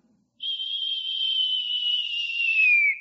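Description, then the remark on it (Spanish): A person whistles one soft, steady note for a few seconds, imitating the gentle whistle (silbo apacible) heard by Elijah in the Bible. The tone holds level, then slides downward at the end before stopping, with no talking. “Un silbo apacible, y ahí estaba Dios.”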